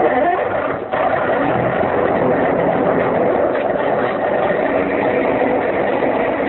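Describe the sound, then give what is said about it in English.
A motorboat engine drones steadily and loudly, a continuous rumbling hum that holds an even level throughout with no voices over it. “You wish to hear the motorboat, maybe, eh?”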